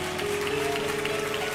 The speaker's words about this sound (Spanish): ¿Quién da un aplauso a esa palabra? ¿Quién da un aplauso a esa palabra?